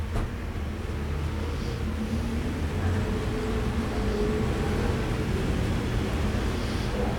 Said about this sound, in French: Un taxi, un autre taxi, encore un taxi. Un camion Candia, la pureté du lait. Un camion Euromarais. Le feu devient rouge, boulevard Saint-Germain.